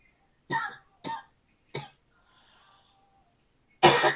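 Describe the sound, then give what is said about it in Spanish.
Three quick coughs in a row, a short pause with faint rustling, then a louder, harsher cough burst at the end. No one speaks. “Jesucristo, perdón, la sangre de Cristo, reprendo esta tos mentirosa.”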